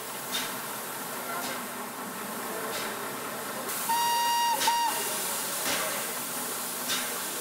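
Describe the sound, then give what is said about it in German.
Steam locomotive 640-091 of the class 640, on the LFI (La Ferroviaria Italiana) private railway between Arezzo and Siena in Tuscany, Italy, hisses and chuffs steadily, then gives a loud, sustained whistle blast with a brief second toot, against a busy outdoor background of surrounding photographers. “Gleiche Baureihe wie am Vortag, 640-091. Dennoch von den Fotografen umringt wie ein unbekanntes Feuerross.”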